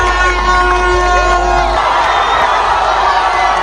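A huge stadium crowd roars in celebration of a Cape Verde goal against Uruguay at the World Cup, a dense, sustained wall of cheering and shouting that swells loudly and continues without a break, with whoops rising above the mass of voices.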